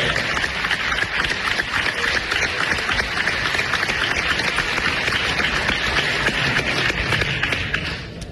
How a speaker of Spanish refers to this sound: ¡Un aplauso fuerte para ella!